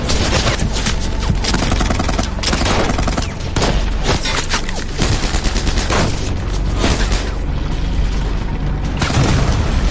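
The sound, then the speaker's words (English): Sustained gunfire crackles in rapid bursts as British troops open fire on advancing German soldiers near Geilenkirchen, while heavy booms of distant explosions from German tanks and self-propelled guns thud underneath, loud and dense throughout with no speech. “Explosions reverberate around them from German tanks and self-propelled guns in the distance.”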